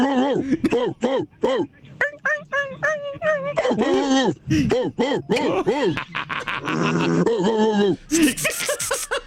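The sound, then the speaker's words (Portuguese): A person imitates a whining dog in heat, producing a rapid string of high, wavering whimpers and yelps that slide up and down in pitch, ending in a few harsher, breathy bursts. “Nossa, tem vários tons, né, de cachorro.”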